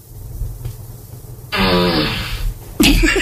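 A loud, sputtering fart sound effect plays from an Alexa smart speaker in response to a spoken request for a fart, starting abruptly after a low hum and ending with a brief burst of noise.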